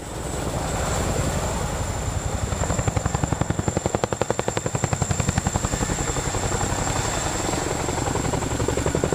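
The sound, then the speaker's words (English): A helicopter's rotor chops in a steady, rapid rhythm over a continuous engine roar, loud, with a thin high whine running throughout and the beat swelling briefly in the middle. “Meanwhile, on the other side of the Atlantic, the British Royal Navy is also working towards creating its own digitized helicopter force.”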